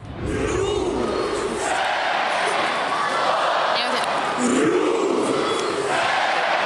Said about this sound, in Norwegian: Ja, hjemmefansen til Rosenborg, de har nemlig et helt spesielt heierop. I det her heieropet så delte de Rosenborg inn i tre stavelser, altså ro, sen, borg, som de roper ut mot banen.